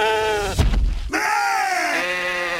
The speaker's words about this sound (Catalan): Una comèdia diferent, molt i molt divertida, que es diu Les ovelles detectiu. M'agrada pensar que m'entenen, però no deixen de ser ovelles.